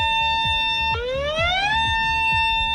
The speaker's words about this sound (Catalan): De la setantena de preses que, en cas de trencament, afectarien Catalunya, només 16 tenen un pla d'emergència aprovat. En aquests casos, la població sentiria una sirena com aquesta.